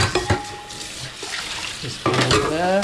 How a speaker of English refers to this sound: He's loading up the dishwasher.